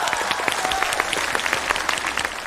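Steady applause from a crowd, many hands clapping in a dense, even patter at a fairly loud level for the whole stretch, with no voices standing out.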